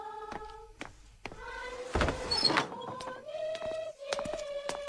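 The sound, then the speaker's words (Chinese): A villager opens a door partway through, a short creaking, rattling burst over a steady background of soft sustained tones, fairly clear. “哎，是福不是祸，是祸躲不脱，我去开门。”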